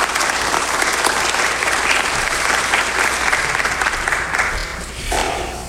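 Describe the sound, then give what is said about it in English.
An audience applauds steadily in praise to the Lord for its missions work, a dense, sustained wash of many hands clapping at once, holding a fairly even loudness before thinning out near the end. “And so I think that all deserves a round of applause, of praise to the Lord for what we're doing here.”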